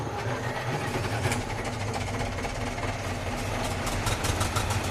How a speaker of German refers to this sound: Aber die sind doch gar nicht richtig gefahren. Das war doch nur ein Konzert. Ein hochmodernes Konzert für 12 Traktoren übrigens. Open Air.